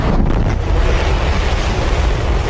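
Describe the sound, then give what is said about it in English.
A SpaceX Starship rocket launches on the flight on which it first reached orbit, with a loud, steady, crackling roar, heavy in the low end and filling the whole recording without letup or any voices. “SpaceX's massive Starship rocket reached orbit yesterday for the first time, achieving a milestone for the program, even though the company cut the mission short after an earlier engine failure.”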